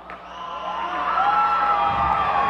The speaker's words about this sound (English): It's not an enormous crowd, but they are loud, huh?